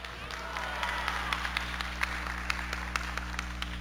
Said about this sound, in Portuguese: Pode aplaudir, isso é de Deus, pode aplaudir.